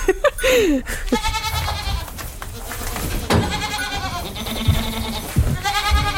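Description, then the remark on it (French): Several Alpine goats, a hardy breed adapted to mountain terrain, bleat in overlapping, wavering calls one after another with short gaps, over a low rumble of background noise; no one speaks. “La chèvre alpine, c'est une chèvre qui est rustique, adaptée au milieu montagnard.”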